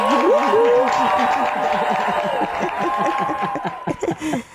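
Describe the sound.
Steady crowd clapping with laughter and cheerful voices mixed in, holding at an even loudness for a few seconds before a few sharper claps and a quick fade at the end.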